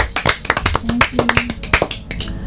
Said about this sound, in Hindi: तो बहुत अच्छा आपका भजन था, तो एक बार दीदी के लिए ताली भी बजानी पड़ेगी।